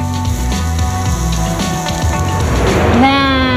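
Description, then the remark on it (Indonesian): A wok heated over a large flame with the flambé technique, making a momentary burst of fire, sizzles loudly and steadily as food fries, the crackling hiss swelling near the end, with sustained musical tones running underneath. “Menggunakan teknik flambe, wajan dipanaskan dengan api besar sehingga menghasilkan semburan api sesaat yang membantu memperkuat aroma dan memberikan karakter rasa pada masakan.”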